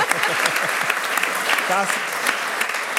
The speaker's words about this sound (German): Das ist mal ein Applaus wert, finde ich.